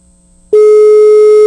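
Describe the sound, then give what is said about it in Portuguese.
A loud, steady telephone busy tone sounds as a single sustained beep of about one second, following a quiet moment with a faint hum; no voices are heard. It is an unanswered call placed by a Rádio Sociedade 97.9 radio host during a prize giveaway. “Atenda aí, vá. Tô ligando, rapaz.”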